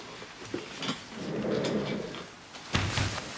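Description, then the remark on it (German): A door swings and is pushed shut with a muffled thud near the end, preceded by faint shuffling and a low rumble; nobody speaks. “Können Sie bitte die Tür schließen?”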